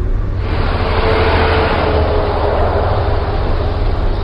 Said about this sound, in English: Driving through Houston is a reminder that the car is still king. Six lanes are blocked with cars. Stacked overpasses dangle above.